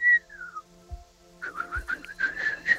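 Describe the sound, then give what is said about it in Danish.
A person whistles a short melody, starting with a few gliding notes and then a run of quick, warbling, bird-like trills. The whistling is moderately loud with no talking. “Der må fløjtes.”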